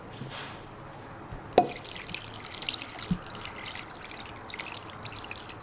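Water pours into a pot to cover chicken wings and drumsticks, with a steady splashing trickle that begins after a sharp clunk and runs to the end. A second small knock comes midway, and no one speaks.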